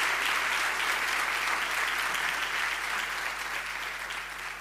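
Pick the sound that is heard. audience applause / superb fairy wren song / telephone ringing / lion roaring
audience applause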